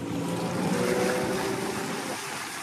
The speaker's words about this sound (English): After a few hours at sea, we arrived at Mai Sunset Resort. From there, the journey continued on a smaller outboard fiber boat.